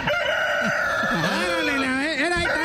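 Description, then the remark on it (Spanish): A loud rooster crow sound played from a toy when its button is pressed, with a tinny, electronic quality, its long wavering call filling the moment and repeating in rising and falling swoops, like a recorded sound from a small speaker. “Ya, es que sale como un gallo. Es, ahí estamos, un gallo.”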